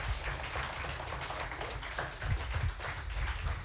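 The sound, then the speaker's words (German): A crowd applauds steadily as the contestants come back onto the stage for a second vote, many hands clapping in a dense, continuous patter that stays at an even moderate level throughout, with no voices standing out. “Deshalb bitte ich unsere Teilnehmer noch einmal unter Applaus hier vorne auf die Bühne.”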